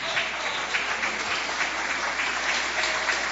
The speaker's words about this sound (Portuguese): Podeis assentar, bate palmas, dai glórias a Deus.